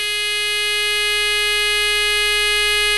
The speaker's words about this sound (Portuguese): E quem tá no trânsito com o WF? Conta pra mim aí, por favor. Dá um buzinão aí. Buzina, vai.